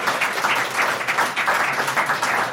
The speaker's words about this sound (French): Hein, allez, on va vérifier qui fait partie d'une association, qui est bénévole dans cette salle. Applaudissez, comme ça on vous entend à la radio, parce que les mains levées, ça ne sert à rien.